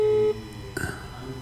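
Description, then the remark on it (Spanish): A steady telephone tone sounds for a moment, then cuts off, followed by a short clicking burst on the line as a call is placed again to a friend's phone number. No one speaks. “Así que vamos a llamar de nuevo, a ver, a nuestra amiga.”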